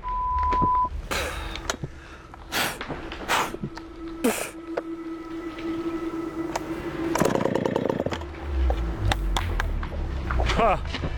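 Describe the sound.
A chainsaw cutting cedar drones at a steady mid pitch through several sharp revving bursts, then sputters in a rough surge and cuts out as the saw, clogged with cedar dust, breaks down, leaving low rumbling noise and scattered knocks. Voices are heard at times.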